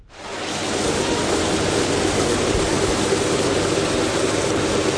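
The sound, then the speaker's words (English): Steady rushing water of the muddy Longs Creek flows without pause on the north side of Auburn, Nebraska, on a spring morning, a dense, even wash of sound that swells in at the start and holds at a constant, fairly loud level, with no voices. “It's a beautiful spring morning in Auburn, Nebraska, and alongside the muddy Longs Creek on the north side of town,”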